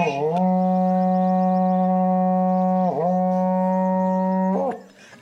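A berrante cattle horn blows one long, loud, steady low note with a rich buzzing tone, dipping briefly in pitch midway, then bending upward before cutting off abruptly.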